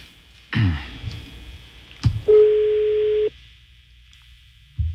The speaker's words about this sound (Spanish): Aquí está, la cinta sonando el teléfono. Está sonando el teléfono de la señora Mariel Socorro. Pues no contesta, güey.